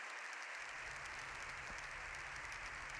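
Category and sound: crowd, parliament applause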